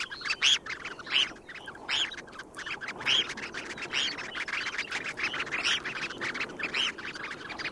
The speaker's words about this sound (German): Da hat das Thorshühnchen gezwitschert im Vogel der Woche